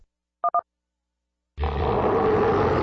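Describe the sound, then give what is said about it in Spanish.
Two quick electronic beeps in silence, then a loud tiger roar bursts in and rumbles on, deep and sustained, until the end. “La Ciudad de México muy pronto se estremecerá con el rugido más poderoso del regional mexicano”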